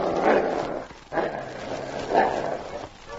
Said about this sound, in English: The sergeant had said quiet, and although the other dogs understood the word, King reinforced the order with a growl.